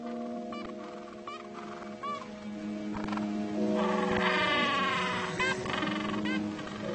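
A crowded colony of more than 300 gentoo penguins on a plain above a beach, busy incubating eggs or raising chicks, calls continuously: overlapping braying, bleat-like cries rising and falling, with a louder burst of harsh calls midway over a steady droning chorus.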